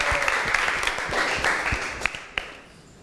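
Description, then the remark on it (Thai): A crowd applauds steadily for group 5 after their presentation on photosynthesis, a dense wash of many overlapping claps with a few sharper individual claps standing out, tapering off slightly toward the end. No one speaks. “ขอเสียงปรบมือให้กับเพื่อนกลุ่มที่5อีกครั้งหนึ่งนั่นเองนะคะและนี่ก็เป็นการนำเสนอเกี่ยวกับปฏิกิริยาการสังเคราะห์ด้วยแสงถูกต้องไหมคะของกลุ่มที่5นะคะ”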